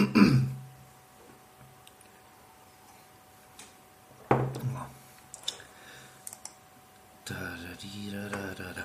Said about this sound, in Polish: Co tak kaszle? Kaszle, bo jest sucho w mieszkaniu i muszę walnąć nawilżacz. No, to wtedy nie będę tak kaszlał.